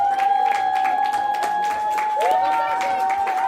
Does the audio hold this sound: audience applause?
yes